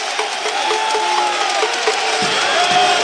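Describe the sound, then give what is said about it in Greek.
A basketball arena crowd of Spanish fans applauds and cheers during a game between Valencia and Panathinaikos, in a steady, loud roar of clapping and voices, with thin whistle-like tones rising above the din for the whole stretch. “Χειροκροτούν οι Ισπανοί φίλαθλοι.”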